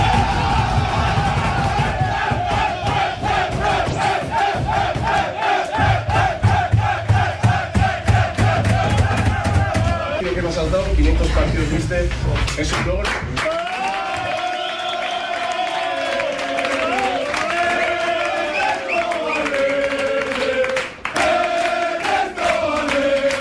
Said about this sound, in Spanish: con camiseta especial para el cuerpo técnico encabezado por Ernesto Valverde y por Jon Azpiazu, por esos 500 partidos y los jugadores, ese grito, ¿no?, de Ernesto Valverde y cantándole al técnico del conjunto rojiblanco.